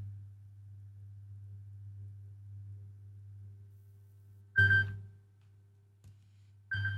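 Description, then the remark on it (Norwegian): A telephone rings in two short bursts, a bright warbling tone, the second cut off at the end, over a steady low hum that runs throughout. “Det ringer, det ringer.”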